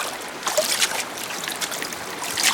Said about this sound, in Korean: 해질녘 바람에 스치는 마른 갈대 너머로 첨벙거리는 소리가 났다.